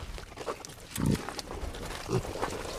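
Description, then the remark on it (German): An old breeding sow grunts in short, low bursts, two heavier grunts standing out over a steady rustling background, with no voices in between. “Ja, also die Schnappi, die da jetzt steht, die ist jetzt 8 Jahre alt, was schon viel älter ist, wie jede konventionelle Zuchtsau je wird.”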